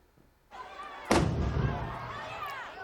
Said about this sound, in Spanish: Ese era el momento del chupinazo. Hay tres heridos graves y casi 50 leves. Tres cohetes se han disparado hacia abajo, donde estaba el público, y unos cinco han estallado dentro del balcón del ayuntamiento, que estaba también abarrotado de gente.